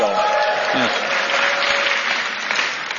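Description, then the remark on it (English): A crowd at a festival event for the book Inside the Owner's Box claps steadily for about three seconds for the festival organizers, a dense, even patter of many hands with no pauses, slightly tapering at the end. A faint voice murmurs underneath at the start. “If we could give them a round of applause as well for this event.”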